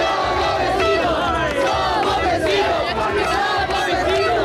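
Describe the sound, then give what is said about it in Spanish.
A loud, dense celebrating crowd fills the scene with cheering and shouting, applause and car horns blaring continuously throughout, unbroken with no pauses, on a night of celebration, heard also in the Peñón. “lo oyen también en el Peñón, noche de celebración, aplausos y claxon.”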